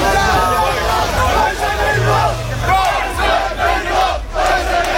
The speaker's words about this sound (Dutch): Daar is een demonstratie van extreemrechtse actiegroepen aan de gang.